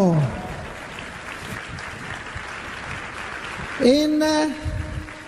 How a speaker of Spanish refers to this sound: Aquí hay un maestro que hizo, antes que todos nosotros, hizo casa de oración. ¿Qué hizo? Dale un aplauso al maestro.